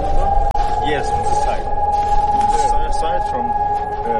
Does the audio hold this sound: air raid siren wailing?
yes